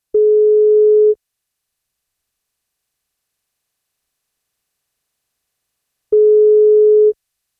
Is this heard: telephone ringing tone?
yes